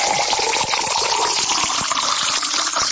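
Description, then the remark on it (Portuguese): Water pours steadily into a glass, a continuous gushing splash that runs for a few seconds with no voices over it. “Essa água aqui não dá para ficar sem ela. Tem que tomar mais um copo, né?”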